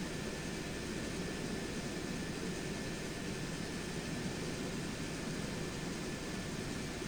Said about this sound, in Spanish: Los helicópteros elevan las descargas de agua en zonas inaccesibles para facilitar el paso de las brigadas terrestres.